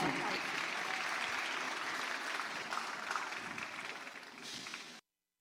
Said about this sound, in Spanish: Me lo reciben con un fuerte aplauso.